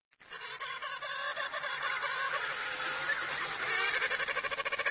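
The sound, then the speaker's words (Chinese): Loud, insistent chirping calls from penguin chicks among thousands in a colony, calling louder as their mothers bend down to listen, eager to be fed, overlapping in a dense continuous chorus with rapid pulsing trills that grow more urgent toward the end; no talking. “母亲们弯下头仔细听小企鹅的叫声，小企鹅叫得更响了，急切地希望得到母亲喂食。”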